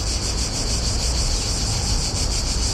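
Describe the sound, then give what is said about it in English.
Cicadas in Bratislava, Slovakia, sing in a steady, loud, continuous buzzing drone with a faint pulsing shimmer, filling the whole stretch with no pauses and no voices. “The recording of the sound of cicadas comes from the Book of Bratislava, published by Coma Press.”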